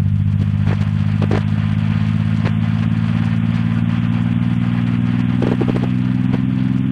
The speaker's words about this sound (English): We're hearing gravitational waves. They're the ripples in space-time made by a black hole's tremendous mass. MIT professor Scott Hughes converted the gravitational waves into sound. As we move toward the center of the black hole, the pitch rises.